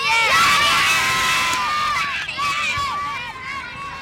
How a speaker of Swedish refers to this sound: Jublande barn där på Östermalms IP.